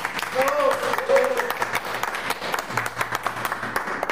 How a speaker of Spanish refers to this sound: ¿Qué tal si nos damos un aplauso cariñoso?